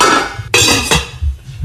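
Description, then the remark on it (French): Pots and pans clank together in a kitchen in a quick burst of metallic crashes, with a couple of sharp strikes ringing out loudly, then fading into softer rattling. “Oui, c'est des bruits de cuisine ou de casserole, de poêle.”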